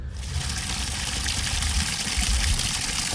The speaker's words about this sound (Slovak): Tak, aby chcel som ti najprv dať zvuk tohto nádherného potoka, ktorý rozdeľuje túto dedinu na polovicu.